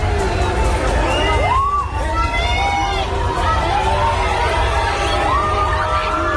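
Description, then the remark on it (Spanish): A big crowd of football fans at Wembley cheers and chants "olé olé" continuously for Spain's national team after its 3-2 win over England, voices rising in sung shouts over a dense roar with clapping mixed in, loud throughout. “Aplausos y gritos de olé olé en Wembley.”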